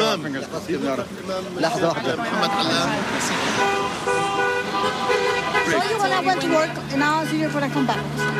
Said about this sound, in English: Cars were driving by, honking their horns for him. It's a revolution in southwest Brooklyn.